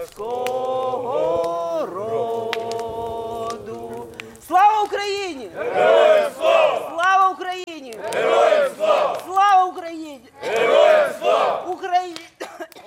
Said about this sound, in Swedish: Men runt brasan här framför mig så står det ett gäng ukrainska soldater och kikar upp på stjärnhimlen. De har precis skickat upp röda papperslyktor och de sjunger Ukrainas nationalsång.